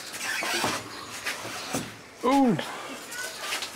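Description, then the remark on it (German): A door that has been let go swings on its hinges with a short, loud, descending creak, amid scattered knocks and shuffling handling noises as people move a cart backward through a house where macaws fly free. “Machst du mal los, ein bisschen die Tür? Ja, dann lass ich los, ja?”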